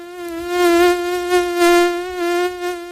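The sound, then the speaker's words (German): A flying mosquito's thin, high-pitched whine drones steadily for a few seconds, swelling slightly louder and softer as it hovers, with no voices present. “Wenn eine Mücke im Anflug ist, geht es dem Dermatologen Thomas Schwarz von der Uni Kiel wie vielen Menschen.”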